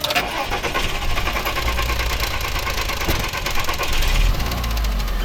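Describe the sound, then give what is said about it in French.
A car engine runs with a rough, irregular mechanical rattle and knocking, steady, with a deep low rumble underneath and no voices. “Et donc là, j'ai tout de suite coupé le moteur. La voiture faisait ce bruit bizarre.”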